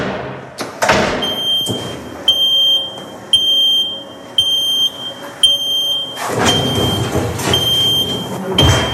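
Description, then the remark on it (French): A car lift in a garage lowers a vehicle after an oil change while a high electronic warning tone beeps in a steady on-off rhythm. A mechanical rumble and hiss swell toward the end, framed by sharp clunks. “Donc on va pouvoir descendre le véhicule maintenant.”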